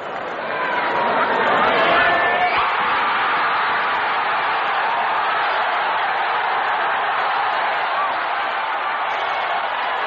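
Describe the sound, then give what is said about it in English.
A huge home crowd of 70,000 Canadian fans cheers enthusiastically after high jumper Joy clears 2.23 meters, beating world record holder Dwight Stones. It is a loud, dense roar that swells in the first second and holds steady without a break for about ten seconds. “As you heard that enthusiasm from the crowd, they knew that Joy had the silver for sure and still had a chance at gold, which Joy had predicted would be won with a 2.25 meter jump.”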